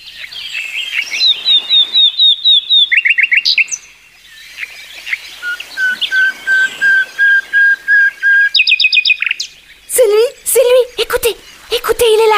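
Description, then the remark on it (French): A nightingale, a small grey bird perched high in the branches, sings loud: rapid repeated chirps, a long swelling whistled note, then bursts of fast trills and sharp, varied phrases, with no one talking. “À ce moment, Rossignol se mit à chanter.”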